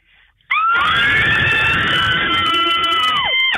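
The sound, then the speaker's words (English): A long, loud, sustained scream from a caller on the phone line during a radio station ticket giveaway erupts after a brief quiet moment, holding a piercing high pitch for about three seconds with slight wavering before tapering off at the end. “You did say scream.”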